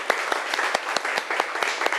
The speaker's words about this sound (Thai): เอาปรบมือดังๆให้เพื่อนของเราหน่อยค่ะ